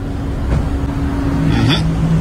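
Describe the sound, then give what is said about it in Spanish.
A car engine hums steadily at low speed, its pitch dipping and shifting briefly near the end as the car eases into a parking spot, moderately loud with no voices. “Vean esto, señores, vean esto. El carro se estacionó allí.”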